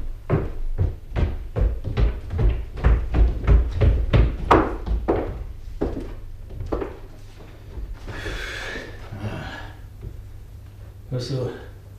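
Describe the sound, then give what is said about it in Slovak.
A trapdoor leading to the roof is opened: a quick run of hollow wooden thuds, then a louder scraping creak and one final soft thump. “To sú padacie dvere. Vedú na strechu.”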